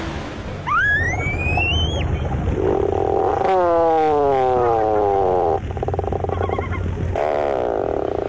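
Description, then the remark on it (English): A tufted puffin gives a drawn-out, buzzy groan that slowly sinks in pitch, over steady ocean surf. Shorter rising, whistle-like calls come first, and no one speaks. “Although not a first-rate vocalist, the bird making this groan-like call is one of the most recognizable to the eye. These sounds belong to the tufted puffin.”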